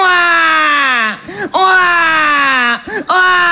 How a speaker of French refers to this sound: Ça dure très longtemps et c'est très chiant. Et les scientifiques ont fait des études là-dessus. Ils en sont venus au constat que le pleur d'un bébé peut te brûler des neurones. Ça peut te rendre con.